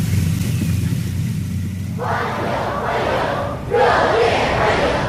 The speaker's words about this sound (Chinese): 人民大会堂北门外，礼宾分列道路两侧。青少年热情欢呼致意。